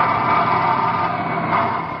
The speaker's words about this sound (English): Well, my dad works in airplane assembly line there in Texas. Sure would like to hear the sound of all the work going on in the plane factory.